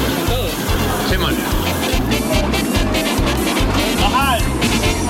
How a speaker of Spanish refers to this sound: En el corazón de las ciudades, los ruidos de los carros se mezclan con el pregón del día.